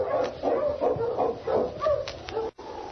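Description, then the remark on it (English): A husky sled dog barks and yips excitedly in a quick, continuous series of sharp calls, fairly loud, with a brief break near the end before the noise resumes. “All right, let's get moving, boy. On King, run, you Husky!”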